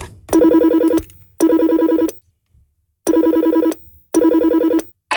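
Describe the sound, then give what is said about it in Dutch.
An old telephone rings on an outgoing call in four loud bursts of about a second each, separated by short silences, with a bright, buzzing bell-like tone. No one speaks. “Mag de telefoon, het is een oude telefoon, je tikt het nummer van destijds in. Ja. En dan gaan we gewoon, ga je gewoon bellen naar jezelf.”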